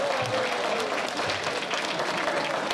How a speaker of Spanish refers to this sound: Nuevamente vamos a brindarle un aplauso al gobernador del estado. Un aplauso fuerte al licenciado David Monreal Ávila.